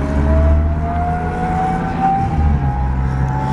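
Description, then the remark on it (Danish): A loud, steady engine drone fills the whole stretch, deep rumbling low end with a faint whine slowly rising in pitch, heard from inside a 24-ton Patria armored personnel carrier. “det støjer så meget, når man sidder inde i sådan en pansret mandskabsvogn”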